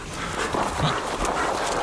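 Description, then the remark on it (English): Two dogs, Aria and Sansa, shuffle and move about at Christmas time as they are called out for food, with soft huffing breaths and scattered paw or footstep sounds over a steady, busy background noise. “Come out, dogs.”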